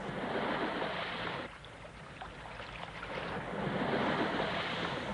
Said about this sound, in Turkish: Bir tekne geliyor sahip.